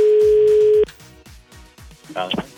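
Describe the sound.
A single loud, steady telephone ringback tone hums for just under a second as Fan Rádio places a call to a listener, then cuts off, followed by quieter talking and a brief burst of sound near the end.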